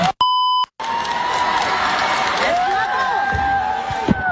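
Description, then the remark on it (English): A brief electronic bleep cuts off, then a loud crowd of adults erupts into sustained cheering and whooping, with shouts rising over the dense roar until the end. “That's a lot of cheering, and I feel like that's adult cheering as well.”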